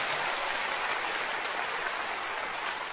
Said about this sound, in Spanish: Oh, dele fuerte un aplauso al Señor esta tarde.